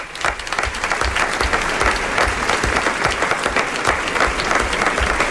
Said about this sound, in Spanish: Y el aplauso para nuestros actores.